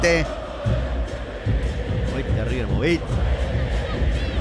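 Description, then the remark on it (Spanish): A large, angry crowd of River supporters chants their classic chants and shouts together in a dense, continuous roar, with rising and falling voices layered over a steady low rumble. “Ya arrancamos con lo que es la hinchada de River, que ya está los clásicos gritos.”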